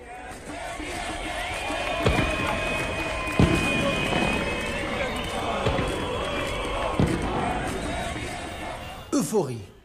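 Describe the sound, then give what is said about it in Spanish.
A large outdoor crowd celebrates Kais Saied's decision to take power and expel officials from Parliament and government, cheering and shouting continuously while car horns blare in long sustained tones, with scattered applause and occasional sharp bangs cutting through the dense, festive din. “Euforia, celebraciones, vítores, bocinazos, aplausos.”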